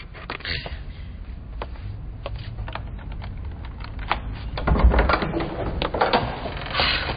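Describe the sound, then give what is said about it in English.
A key rattles and clicks in a lock in a quick series of sharp metallic taps, then a door thuds and swings open with a low rumble, moderately loud. “Will you please just open the door? I would, but the key isn't in... Oh, wait. Here it is.”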